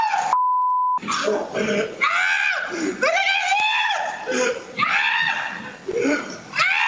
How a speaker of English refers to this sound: he was screaming and running as he jumped up on top of a car to get away from Smokey. And this is what it sounded like when he was running away.